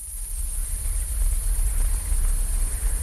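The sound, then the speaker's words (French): A steady outdoor chorus of frogs croaking, a continuous shrill drone with a low rumble beneath, evenly loud throughout and heard alone without any voices. “C'est un chant sorcelant que celui d'une garnouille libre de choisir où vivre et se délecter des moustiques et autres gourmandises volantes.”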